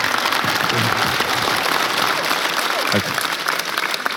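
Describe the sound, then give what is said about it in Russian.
The audience of the Comedy Club TV show applauds steadily as Garik Kharlamov and Demis Karibidis are welcomed on stage, a dense wash of clapping that stays loud and even throughout, with a voice briefly audible beneath it. “Под ваш аплодисмент начнем с...”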